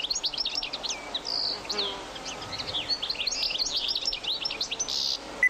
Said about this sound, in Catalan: En aquest capítol heu escoltat el cant d'aquests ocells. Cadernera. Carduelis carduelis. Au resident tot l'any als camps i zones de conreu.